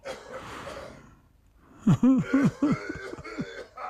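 A rough, breathy rasp gives way to a quick run of four or five strained, voiced coughs, fairly loud, with no talking.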